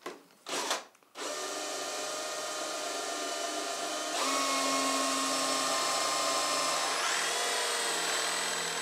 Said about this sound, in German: Vor dem letzten Schliff bohrt Jonas Buchholz die glatte Oberfläche nochmal auf. Ein ganz entscheidendes Teil fehlt nämlich noch.